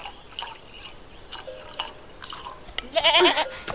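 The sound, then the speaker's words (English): Nanny goat's milk pours into a cup, with scattered drips and small splashes leading into a brief, louder gurgling pour near the end. No one speaks. “Would you be so kind as to fill your cup with milk for this tired boy?”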